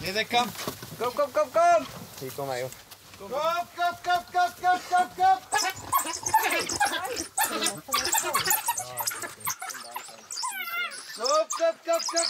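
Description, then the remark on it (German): A pack of dogs whines, yelps and whimpers excitedly, their high, pitch-sliding cries overlapping in a constant, eager chorus throughout, as people bring entrails and call to lure them to the meat. “Wir haben hier jetzt Eingeweide mitgebracht und versuchen jetzt die Hunde anzulocken.”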